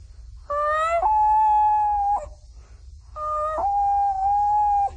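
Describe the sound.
A 12-year-old boy imitates a common loon with two long, wavering wails, each stepping down from a higher note to a held, steady tone, loud, with a short pause between them.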